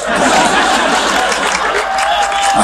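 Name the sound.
audience clapping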